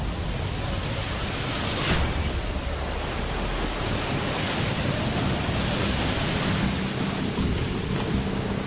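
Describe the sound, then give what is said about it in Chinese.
A typhoon storm at sea, filmed by a monitoring camera on offshore equipment, roars steadily throughout, with howling wind and crashing waves forming a dense, loud wash of noise and a few stronger surges. No voices are heard. “海上台风和热带风暴的危险程度远超我们想象，这是其他海上装备监视器中拍到的画面。”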